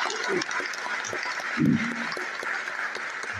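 A crowd claps steadily for the catechists, children's leaders and parents who prepared the liturgy, producing a dense, continuous patter of applause with a slightly louder swell partway through. No one speaks over it.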